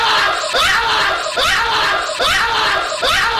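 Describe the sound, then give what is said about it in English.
A man screams in fright on walking into his office to find a donkey snuck inside, loud strained, harsh bursts that repeat about three times in a row with barely a pause between them. “when we had a donkey snuck into his office one time and he walked into his office. He's like, he's freaked the F out.”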